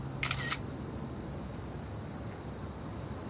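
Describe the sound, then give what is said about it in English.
A cell phone camera's shutter click sounds once near the start as a girl on a school roof takes a picture, a short bright electronic snap, followed by a steady low outdoor hum with no voices. “She pulls out her cell phone and takes a picture.”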